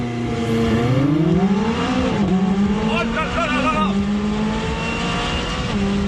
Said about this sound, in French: Allez, pour déjà voir ce qu'elle a dans le ventre, cette 600 LT, on va se faire un petit 0 à 100 avec le launch control, pied à fond sur le frein, pied à fond sur l'accélérateur.